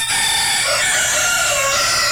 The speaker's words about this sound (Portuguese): Dois galos cantando.